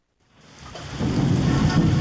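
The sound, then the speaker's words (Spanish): Steady rain soaking city streets fades in from silence, its hiss swelling as a deep, rolling rumble of thunder builds underneath and grows loud by the end. No voices. “La lluvia ha comenzado a empapar las calles de la ciudad.”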